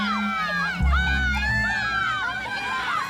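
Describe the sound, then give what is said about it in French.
A lively crowd of people on a beach shout and scream over one another as they run into the sea with their arms in the air and dive in, their overlapping cries rising and falling continuously, with a low rumble and some splashing-like noise underneath. “À tout âge, dès qu'ils arrivent sur une plage, ils courent vers l'eau, les bras en l'air, en criant. Ils plongent en hurlant.”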